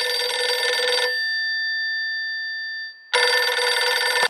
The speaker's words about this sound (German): Sein Telefon klingelt.